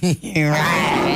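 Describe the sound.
A person, asked how a lion sounds, imitates a lion's roar with their voice: a short rising grunt, a brief pause, then a long, loud, gravelly growl that holds steady for about a second.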